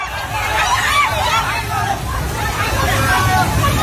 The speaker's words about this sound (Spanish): Es el sonido del terror de la gente ante el torrente que ha arrasado en muy poco tiempo viviendas, coches, árboles y que ha dañado infraestructuras de todo tipo, carreteras, puentes, centrales hidroeléctricas, y va arrasando con todo lo que